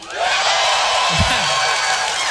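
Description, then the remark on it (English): An audience claps steadily, a dense, even wash of applause that holds at the same loudness throughout, with a brief low thump partway through. “You guys are pumped up because you're clapping because you had so much to do with that.”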